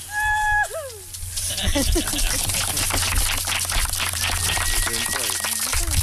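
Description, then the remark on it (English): A heavy grave marker is lowered into the ground outdoors as four volunteers slowly pull ropes from beneath it, amid steady rustling and scraping, while a voice lets out a short rising-and-falling cheer and other people murmur in the background. “It's quiet as the stone is lowered into the ground. Then a person cheers.”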